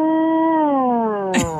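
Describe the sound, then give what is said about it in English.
A voice imitates the whale-like groan of an air conditioner damper changing: one long, steady, droning moan that slowly slides lower in pitch, ending in a brief breathy rasp. “And you're just sitting here, and it seems like the damper for the air conditioner will do some changing, and it'll be like a whoa.”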